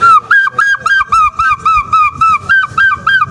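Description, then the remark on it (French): A voice mimics a gull's call: a quick, steady run of about ten loud, nasal squawking cries, close by with nothing else underneath. “Et un jour, j'ai poussé un cri, ce cri de goéland.”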